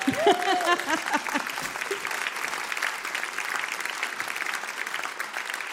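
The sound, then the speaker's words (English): A crowd at the 21st year of Women in Jazz claps steadily in a dense, continuous wash of applause, with a few brief vocal sounds near the start before the clapping carries on evenly to the end. “Round of applause. That wasn't big enough. Round of applause.”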